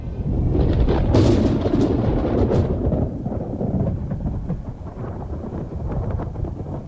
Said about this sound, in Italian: Il film inizia quando, fra lampi e fulmini, il giovane Martin Lutero inciampa nel fango, rappresentazione questa esplicita dell'imperfezione della vita terrena.